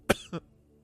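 Two quick coughs in succession, the first sharp and loud, the second slightly softer, followed by quiet.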